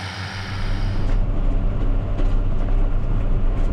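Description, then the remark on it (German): A tractor engine drones steadily and loudly with a deep low rumble and mechanical clatter while mowing grass in a meadow, with no voices over it. “Und ich habe dann heute auch mal die Gelegenheit, selber Trecker zu fahren und kann meinen Gedanken ein bisschen nachhängen und genieße das heute hier in der Wiese Gras zu mähen.”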